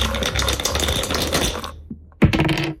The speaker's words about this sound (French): Pour passer de case en case, je vous donne 2 dés. Vous me dites top départ, on les lance et on va connaître votre défi dans quelques secondes